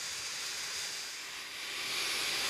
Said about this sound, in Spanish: Incluso usan una aspiradora.